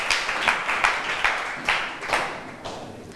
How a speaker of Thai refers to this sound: เจ๋งมากปรบมือให้เพื่อนค่ะ